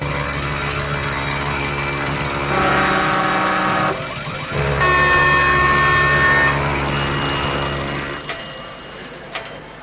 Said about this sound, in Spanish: Alarmas, hay muchas.